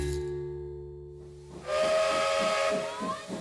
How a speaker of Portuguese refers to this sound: Veio o caminho de ferro e a máquina a vapor, depois o carro elétrico, o carril e o elevador.